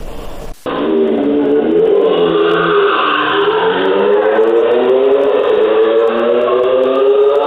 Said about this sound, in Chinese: 渝中区交通管理支队机动大队接到市民举报，称渝中区中兴路和平路路段有摩托车深夜猛轰油门，制造巨大噪音，严重影响周边居民、学生的夜间休息。